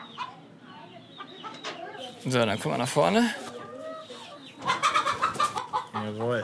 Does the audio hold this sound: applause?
no